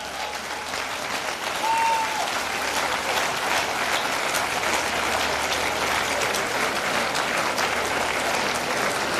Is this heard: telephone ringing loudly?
no